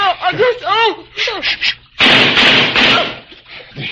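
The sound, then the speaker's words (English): Urgent voices give way to a loud burst of gunfire: several sharp cracks over a rough, noisy roar, followed by fainter rumbling. “With all that gunfire, they're going to have every prowl car in the neighborhood.”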